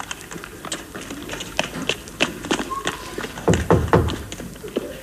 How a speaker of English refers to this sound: That's willy-nilly knocking at Bayview. Rat-tat-tat, very soft. The knocker's got a kid glove on.